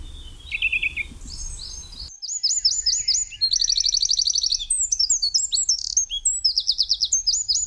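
A Eurasian nuthatch calls with a faint note over low rumble, then loud, high, ringing whistles in quick repeated series and rapid trills, ending in a fast run of notes.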